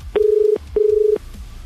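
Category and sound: signal or alarm, telephone keypad dialing tones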